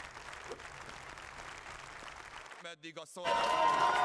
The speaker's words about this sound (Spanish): Aplausos y vítores a Peter Maillard a su llegada al Parlamento. Así le han recibido en su camino a convertirse en el primer ministro de Hungría.